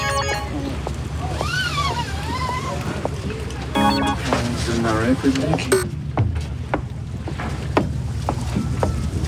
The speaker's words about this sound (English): The boat. I'm down on the docks right now waiting for all these people to come.